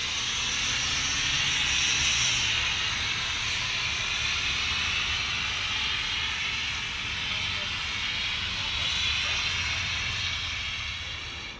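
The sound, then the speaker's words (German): An old railway locomotive, running between the station in Gävle and the railway museum on an anniversary weekend in mid-September, gives off a loud, continuous hiss of steam with a low mechanical rumble underneath and no clear rhythm of wheels. “Am Jubiläumswochenende Mitte September pendeln verschiedene Züge zwischen dem Bahnhof in Gävle und dem Eisenbahnmuseum.”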